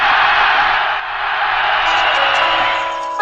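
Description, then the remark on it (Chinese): A steady burst of audience applause after a poetry recitation, dense and loud, with many hands clapping together in a continuous wash that holds for about three seconds without any voices over it. “我们把掌声送给我们的成斌大哥。”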